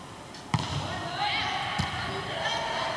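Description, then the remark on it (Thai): Two sharp volleyball impacts ring out about a second apart as the ball is spiked down onto the court to close out a game in a school volleyball match at Kanchanaphisek Wittayalai School, Phetchabun, Thailand, each a crisp slap against a steady crowd murmur, with faint voices in the background. “ลูกนี้เลือกหมาโอ้โหตบยัดลงไปครับ”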